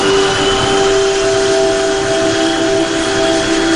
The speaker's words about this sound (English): The plane lands, and being sort of dumped off this little passenger commuter plane onto the tarmac, I'm just deafened by the sound of all of these C-130 Hercules aircraft that are just, the engines are just droning.